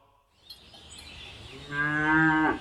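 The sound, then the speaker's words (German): A single cow moos loudly, a long, rising bellow with a rich harmonic tone, preceded by a second or so of faint outdoor background noise. “Ich liebe Kühe.”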